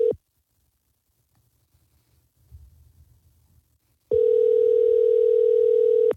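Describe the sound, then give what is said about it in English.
A telephone ringback tone on an outgoing call: a clipped end of one ring, about four seconds of near-silence with faint low rumble, then a loud, steady two-second ring. “Is it ringing?”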